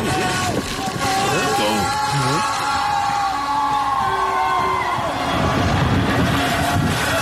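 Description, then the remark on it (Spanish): A steady, loud roar of wind and rain from a storm at the Arco de la Independencia in Mexico City during a celebration, with gusty rumbling buffeting, while a crowd's voices and shouts rise and fall underneath throughout. “Y le dije, lluvia con viento.”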